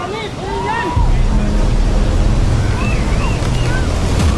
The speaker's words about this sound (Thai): วิปโยคคลื่นสึนามิเข้าถาโถมพื้นที่ชายฝั่งอันดามันของประเทศไทย